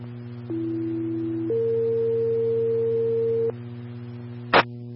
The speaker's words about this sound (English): Central Zone, your test tones are complete.